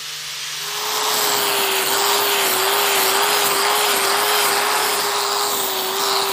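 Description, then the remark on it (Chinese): A power sander grinds steadily against the wooden hull of a village dragon boat, brought ashore for repair and maintenance, sanding it smooth; the sound rises from a quieter start into a loud, constant abrasive whir with a steady motor hum beneath; nobody speaks. “平的时候你可以打磨的时间小一点，假如说它有夯的时候呢，你就要细心一点，要打长一点时间把它打，就打平啊。”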